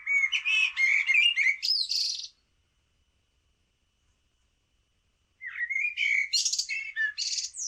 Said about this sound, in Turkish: Karatavuğu da dinledik. O da şehir ve parklarda çok fazla var. İstanbul dışında bütün Ankara, Kayseri gibi Anadolu bölgelerinde de park ve bahçelerin ve bağların fazla olduğu yerlerde çok fazla duyuluyor. İzmir'de, Ege'de ve Kuşadası'nda çok var.